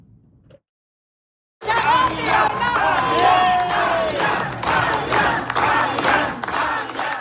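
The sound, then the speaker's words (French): After a brief quiet lead-in, a large crowd at a Parti Québécois campaign rally in Rivière-du-Loup bursts into loud, sustained cheering and shouting, with whoops rising above a dense roar of voices and a steady low hum underneath. “Ce qu'on entendait, ben c'est court, mais c'est un extrait de l'ambiance qui régnait au rassemblement de campagne du Parti québécois à Rivière-du-Loup hier.”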